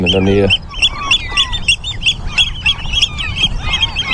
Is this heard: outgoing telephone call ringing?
no